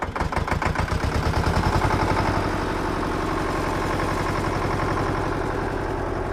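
A large red tractor engine in a barn on a farm cranks and catches with a rough, rapid chugging, then settles into a steady, loud diesel idle. The tractor's paint is chipped in many places and its tires are almost as tall as a man. No one speaks.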